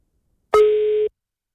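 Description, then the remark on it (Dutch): A single steady electronic phone ringing tone sounds once as a call is placed, clear, lasting about half a second with a sharp start and abrupt stop, with no voices around it. “Ja, dan moet je hem opnemen.”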